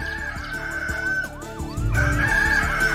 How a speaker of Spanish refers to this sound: ¡Ey, levante, que ya cantó el gallo!